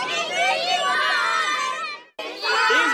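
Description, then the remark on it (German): A group of children shout loudly together in a dense, overlapping chorus of high voices during a farm safety day exercise on making themselves noticed by tractor drivers. The noise breaks off briefly, then the whole crowd bursts back in just as loud. “Auf Zeiten gehen und wenn man mitfahren mag, winken und ganz laut schreien, ich mag mitfahren.”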